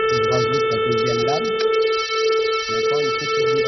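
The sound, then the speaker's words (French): A single reed of a three-voice accordion holds one steady, in-tune, bright, buzzy note for several seconds, rich in harmonics, while a man speaks over it. “Si je fais jouer donc une seule lame, je vais avoir donc un son juste.”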